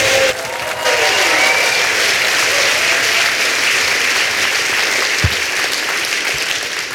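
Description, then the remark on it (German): Loud, sustained applause from a large audience, a dense wash of clapping that swells in after a brief moment and holds steady for several seconds without any talking over it. “Tosenden Applaus und dann haben wir jetzt das Zweierstechen am Ende dieser wundervollen Veranstaltung.”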